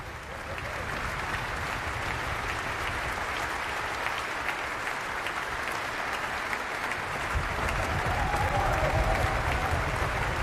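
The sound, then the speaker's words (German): Sustained applause from a large concert audience for the soloist and the accompanying ensemble at an opening concert, a dense steady wash of clapping that holds strong throughout, swelling slightly near the end, with a faint murmur of voices underneath. “Und Sie hören es noch einmal, steht Ernst Schlader, der Solist, im Mittelpunkt des Applauses, des Beifalls”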